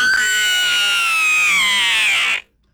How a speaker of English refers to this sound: That's a man right there. Yeah. That was a man screaming.